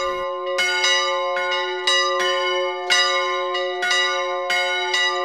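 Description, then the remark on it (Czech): Wedding bells in the church tower in Hostinné ring out in a steady peal for a wedding on 21 April 1973, repeated strikes overlapping with long shimmering resonance, loud, with no voices present. “Svatební zvony se na kostelní věži v Hostinném rozezněly pro Květu a Vladimíra Kučerovi 21.”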